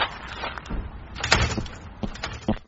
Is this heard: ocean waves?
no